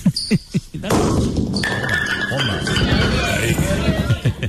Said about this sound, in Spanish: Ahí tienes al público aplaudiendo. Tiró 6 o 7 bolos.